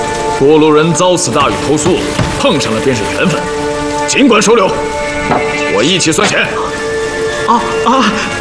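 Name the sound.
heavy rain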